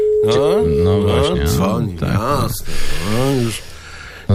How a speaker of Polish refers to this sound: I telefon już dzwoni.